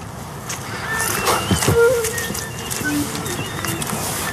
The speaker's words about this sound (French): On entend le cri de la mésange derrière. Bon là il n'y a pas encore beaucoup de chants, mais... Mais c'est plutôt des cris.